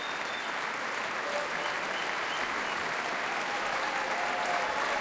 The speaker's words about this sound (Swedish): Det applåderas fortfarande här i Berwaldhallen där P2 alltså sänder direkt.